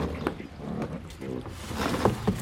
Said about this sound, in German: Achtung, ich komme wieder ins Boot rein. Ah, Moment, Moment, ich helfe Ihnen.